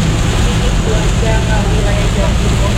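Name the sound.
busy road traffic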